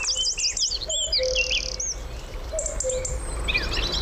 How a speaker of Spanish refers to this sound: Y enseguida van a empezar a incorporarse uno a uno las aves del día. El cuco, un petirrojo. Es de noche, pero ya suena el día. Es casi invierno, pero ya suena la primavera.